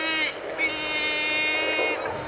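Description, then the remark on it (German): Strong wind roars and howls steadily for a couple of seconds, a loud continuous rush with a whining, layered tonal edge that wavers slightly in pitch. “Ist das Wind?”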